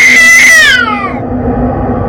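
A single loud, drawn-out cat meow that slides downward in pitch and fades out within a second, leaving a low, steady background rumble with no one speaking.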